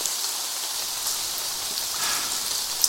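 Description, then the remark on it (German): Steady, heavy rain pours down at around 2 a.m. in a dense, continuous hiss, with occasional louder drops spattering. No voices are present. “Morgens gegen 2 Uhr und bei strömendem Regen, mit Laternen und Spaten bewaffnet, gingen sie zu der Stelle, an der eines seiner Opfer angeblich verscharrt sein sollte.”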